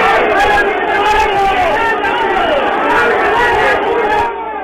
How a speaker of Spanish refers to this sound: Así lo determinó el árbitro, ha terminado el partido. Y obviamente escuchan a la hinchada como protesta.